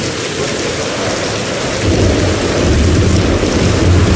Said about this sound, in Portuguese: Vaya, eso non é só unha chubascada. Leva vento, é unha treboada, e con tronos e todo.